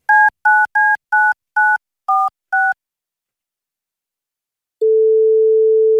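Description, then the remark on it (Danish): A quick series of seven electronic touch-tone beeps as a contest winner's drawn phone number is dialed, then a short pause before a steady, clear ringing tone begins and continues. No voices. “har trukket et telefonnummer op på den vinder, som kan blive mulige vinder af de her to billetter til … i KB-hallen i morgen, hvis telefonen bliver taget”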